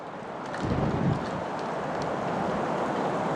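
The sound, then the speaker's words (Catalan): Steady wind blows across the microphone with a broad, rushing hiss, and a stronger low gust buffets it briefly near the start before it settles into a constant roar. No voices. “La neu donarà pas al vent, el vent al gel i el gel al desglaç, i el desglaç ens portarà de viatge riu avall.”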